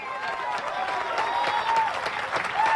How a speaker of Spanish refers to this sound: Porque no es a mí que me está aplaudiendo, sino al Dios de la gloria. El que le da palmas es a Dios que bendice.